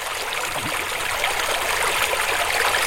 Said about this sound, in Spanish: Hoy me encuentro en Santa Cruz de los Cuérragos, un pueblo declarado conjunto etnográfico, enclavado en la Sierra de la Culebra y fronterizo con Portugal. Al fondo, en el valle, el río Manzanas.